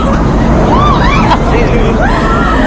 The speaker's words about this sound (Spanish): Lo que suena son los gritos de los 30 alumnos procedentes de esa docena de comunidades autónomas que participaron ayer en el vuelo parabólico en la base aérea de San Javier.